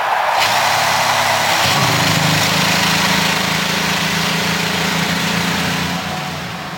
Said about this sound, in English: And the field of 33 roars to life as we get ready for the 108th running of the Indianapolis 500-mile race.